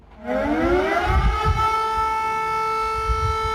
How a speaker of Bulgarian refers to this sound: Точно в 12 часа звучаха и сирените, при които всички граждани по централните части на града преклониха глави пред героите.